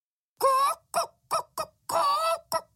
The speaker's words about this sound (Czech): Místo toho jen kdákala a překvapeně poulila oči.